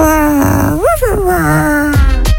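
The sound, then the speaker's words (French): A person imitates a dog with their voice: a loud, whining groan that slides up and down in pitch, ending in two short yelp-like bursts. “Qui a tourné en chien, en chiot.”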